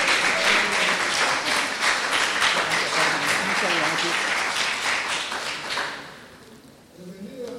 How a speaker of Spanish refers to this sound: y la recibimos con un aplauso de cariño.